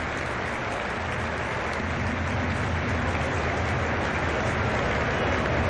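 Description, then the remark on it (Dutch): A stadium crowd at a Twente–Genk football match applauds steadily as Genk player Sarfo is substituted, a dense, even wash of clapping and crowd noise that holds at a constant loudness throughout, with no voices standing out. “En nu de wissels bij Genk met Sarfo die applaus krijgt.”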